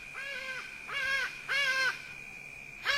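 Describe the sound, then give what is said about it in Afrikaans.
A hadeda ibis gives four loud, harsh, nasal calls in a steady rhythm, each about half a second long with rich stacked harmonics, over a faint continuous high-pitched tone and no talking. “As die hadie daar oor die huis vlieg en sy angs roep oor die vallei skuur, sê hulle dat iemand gaan sterf.”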